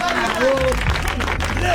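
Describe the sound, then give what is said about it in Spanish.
A crowd applauds Mariano Pelufo with steady, dense clapping while voices and cheers rise over it, loud and continuous throughout the short moment. “Fuerte el aplauso para Mariano Pelufo.”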